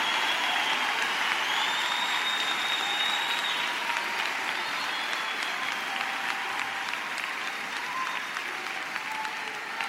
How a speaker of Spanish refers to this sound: ¿Alguien puede decir amén? ¿Alguien puede aplaudir? ¿Alguien puede alabar a Dios por todo lo que estamos diciendo?